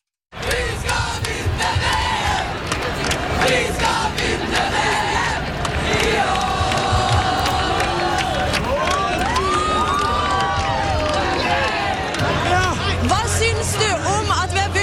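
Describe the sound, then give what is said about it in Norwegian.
A huge outdoor crowd of about 100,000 people in central Oslo, Norway, on Slottsplassen and Karl Johan, roars continuously, shouting, singing and cheering to celebrate a football victory over Brazil, dense and loud throughout, with occasional whistles and sharp individual yells rising above the din. “Det var roing, synging og jubling for å feire seieren over Brasil.”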